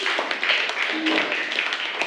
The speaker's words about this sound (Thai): ปรบมือให้กับกลุ่มที่4ด้วยค่ะ